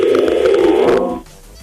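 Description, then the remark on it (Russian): A loud telephone ring tone sounds steadily with a fast warbling pulse, then cuts off abruptly after about a second, leaving near silence. “Все истеричнее и истеричнее гудок, а Макса нет.”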